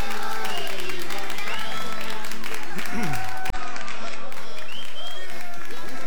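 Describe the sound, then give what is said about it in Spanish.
A crowd applauds steadily for several seconds, a dense patter of many hands clapping, with people's voices calling out and talking over it; the applause is for the people, a family. “Che, fuerte los aplausos a la gente, a la familia.”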